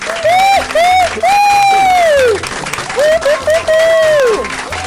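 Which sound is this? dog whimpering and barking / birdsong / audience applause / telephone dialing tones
audience applause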